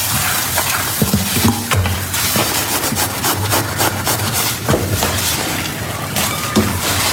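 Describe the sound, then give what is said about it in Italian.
Dishes being washed by hand: a steady rushing, scrubbing noise with frequent sharp clinks and clatters of plates knocking together throughout, fairly loud, with no talking. “Va bene, oggi c'è la tecnologia, c'è la lavastoviglie, però una volta si lavava a mano, anzi ancora alcune persone lavano i piatti a mano.”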